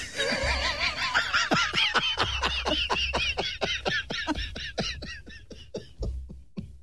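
A duck quacks in a rapid, continuous string of raspy calls, many quacks in quick succession, fairly loud, with no talking over it.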